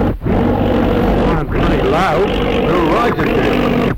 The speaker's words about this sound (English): What's that? Oh, it's an aeroplane right overhead. Oh, look, Dad. It isn't often we see a plane up here. It sounds to me as if there's something wrong with it.